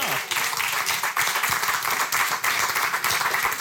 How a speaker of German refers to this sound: Herzlich willkommen und einen großen Applaus für uns.